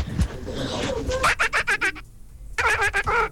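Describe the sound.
A person imitates a duck with a run of rapid, nasal quacking bursts, a brief pause, then another quick series of quacks, fairly loud.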